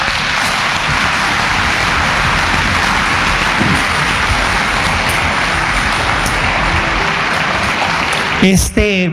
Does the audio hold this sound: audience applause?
yes